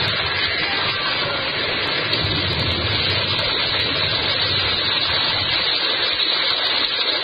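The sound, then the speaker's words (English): A heavy, continuous rush of water pours and roars like a torrent, loud and steady throughout with no voices or pauses, as water pours through a breach in a ship's starboard bow after a whale's forehead strikes it. “Through the breach, they heard the waters pour as mountain torrents down a flume.”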